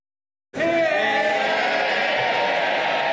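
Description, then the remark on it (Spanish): After half a second of silence, a loud, sustained roar of cheering and shouting bursts out from the packed Labour benches in the House of Commons, welcoming Prime Minister Starmer as he arrives a few minutes late, a dense wall of voices that keeps going without a break. “Con esta ovación ha recibido la bancada laborista Starmer cuando ha llegado con unos minutos de retraso a la Cámara de los Comunes.”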